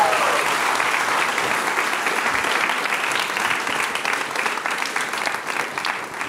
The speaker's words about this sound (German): Wir bedanken uns bei dir. Riesen Applaus.